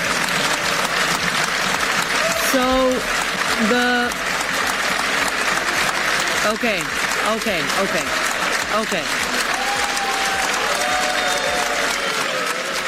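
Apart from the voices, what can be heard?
applause in parliament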